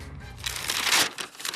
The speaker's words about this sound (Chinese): 客厅里，李济深打开了毛泽东给自己的亲笔信，不禁有些激动。没想到啊，毛泽东先生还记得我。他将信纸展开，毛泽东刚劲有力的字映入眼帘。